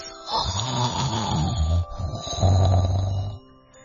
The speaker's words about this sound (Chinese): 忽然，他们听到树上传来了很大的呼噜声。